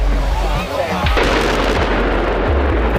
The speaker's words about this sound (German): Das war ein riesiger Schornstein im ehemaligen Kohlekraftwerk Frimmersdorf. Der Energiekonzern RWE hat ihn gesprengt. Er war mit 200 Metern fast so hoch wie der Rheinturm in Düsseldorf.